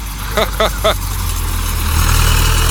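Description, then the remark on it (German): A tractor engine rumbles steadily at a low idle, swelling slightly louder toward the end, while three short voiced calls ring out over it early on. The tractor pulls a large trailer full of potatoes, heading from a potato field back to the farm. “Der Traktor zieht einen großen Anhänger.”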